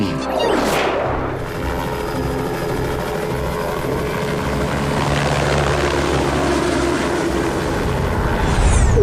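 A steady, dense propeller whine from a drone in flight, continuous and fairly loud throughout, with a brief rising sweep near the start and a slight swell at the end. No talking.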